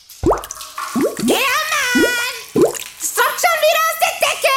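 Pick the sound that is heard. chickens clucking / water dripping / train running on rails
water dripping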